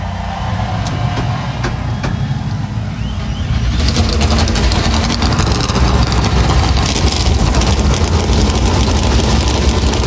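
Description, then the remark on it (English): A field of 38 NASCAR race car engines fires up together at Darlington Raceway, South Carolina, before the Cookout Southern 500. A few seconds in, the quieter background gives way to a loud, dense, sustained roar of many engines rumbling and idling. “Here to fire engines with the most famous words in motorsports.”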